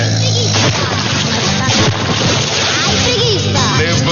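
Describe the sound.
A burst of water splashing, as if dumped from a bucket, followed by sloshing and dripping, close and loud, with people's voices and commotion mixed in.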